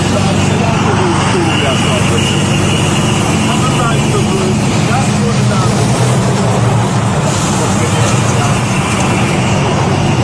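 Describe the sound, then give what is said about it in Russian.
A steady, continuous rumble of idling car engines in a traffic jam before the Russian border crossing toward Georgia, dense and unbroken throughout, with indistinct voices faintly mixed into the background. “Пробка перед российской границей в сторону Грузии.”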